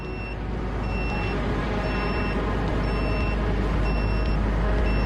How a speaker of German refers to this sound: Jemand fliegt. Der Detektor piept, heißt das, hier gibt es Drohnen? Ja, Aufklärungsdrohnen.